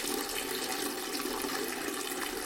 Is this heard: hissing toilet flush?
yes